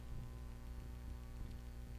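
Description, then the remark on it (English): A cat named Wiggins purrs right up against the microphone, his face pressed to the speaker's face, a low, steady rumble with a soft throbbing pulse that continues for the whole moment with no voices. “His face is pressed right up against mine, and he is purring.”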